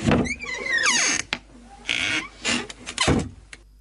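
A door creaks open with a drawn-out, squeaky hinge sound, followed by a few sharp clunks and rattles of the latch and frame, with no one talking.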